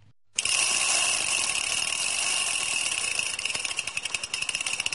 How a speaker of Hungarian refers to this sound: A jobb oldalon megy a kerékpárút, ahol folyamatosan tekernek a biciklisek.